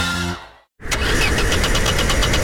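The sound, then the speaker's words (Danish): A car engine that won't start cranks repeatedly without catching, a fast rhythmic grinding of the starter that stays loud after a brief moment of silence. “Med bilforsikring og vejhjælp fra GF får du hjælp, når bilen ikke vil videre.”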